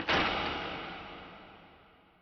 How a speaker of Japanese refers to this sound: そこで、紐を引いて、出入り口の扉を閉めた。